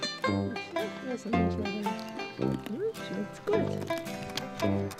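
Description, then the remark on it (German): Donkeys bray loudly, with a string of harsh, honking calls that rise and fall in pitch, repeated in quick bursts over several seconds. “Auch wenn es nicht die eigenen Esel sind, die sie mit der Enkelin besucht.”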